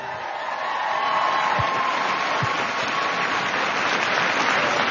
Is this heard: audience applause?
yes